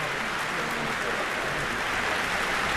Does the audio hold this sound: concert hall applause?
yes